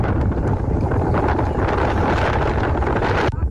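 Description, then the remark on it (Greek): Strong wind during a wildfire buffets the microphone, producing a loud, continuous low roar and rumble that never lets up for the whole stretch, with no voices heard. “Οι ισχυροί άνεμοι δεν επιτρέπουν τη συνδρομή των εναέριων μέσων, τα οποία παραμένουν καθυλωμένα, δυσχεραίνοντας ακόμα περισσότερο το έργο της κατάσβεσης της φωτιάς.”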